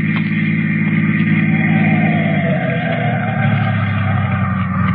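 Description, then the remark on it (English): A car coming down a highway, its engine humming loudly and steadily, then its pitch sinks midway as the car slows to a stop, the motor still idling at the end. “Unless this car that's coming down the highway stops.”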